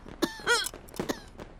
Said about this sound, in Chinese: 怎么又开始咳嗽了？不是说已经好不少了吗？ 前些日子都不咳了，不知怎的这两天又咳了。